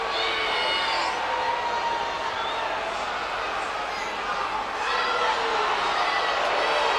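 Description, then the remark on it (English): A large stadium crowd roars steadily in disapproval at a player deliberately wasting time by repeatedly resetting the ball on the kicking tee, a dense wall of jeers and boos with a few shrill whistles cutting through, swelling again toward the end. “And the crowd are not happy about it.”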